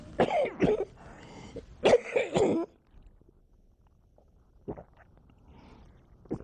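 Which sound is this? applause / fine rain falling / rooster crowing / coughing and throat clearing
coughing and throat clearing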